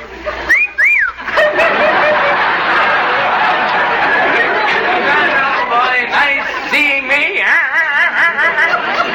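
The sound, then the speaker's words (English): A person whistles a warbling, wavering tune, with a short burst early on and a longer trilling run near the end, over a constant background of crowd chatter. “I'm so pretty to see, I shall whistle at me.”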